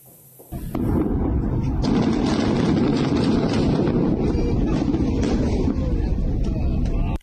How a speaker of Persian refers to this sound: این انفجار عظیم پایان عملیات چند ماهه در یکی از مهمترین ارتفاعات جنوب لبنان بود. عملیات ارتش اسرائیل برای تصرف رشته کوه علی الطاهر و نابودی شبکه زیرزمینی حزب الله در این منطقه.